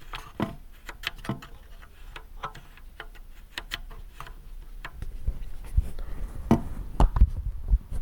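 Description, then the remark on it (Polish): The three faders of a mixer, each with a noticeable centre position, sliding back and forth, making a string of small, irregular plastic clicks and ticks, then a rougher, slightly louder scraping rub with soft thumps toward the end as the mixer moves. No voices. “A suwaki taki.”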